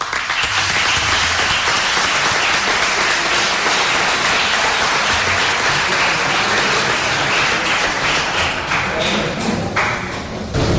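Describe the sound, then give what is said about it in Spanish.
A crowd bursts into sustained, loud applause welcoming Manolo Garrido, dense rapid clapping holding steady for about ten seconds, with a few low thumps mixed in and no voices standing out. “Pues recibamos con un fuerte aplauso a Manolo Garrido.”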